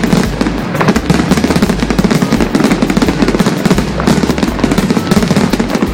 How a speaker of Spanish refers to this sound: que suene los cohetes.